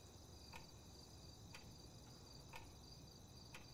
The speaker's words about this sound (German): Na, wenn wir ganz leise sind, dann tickt dein Wecker ganz schön laut.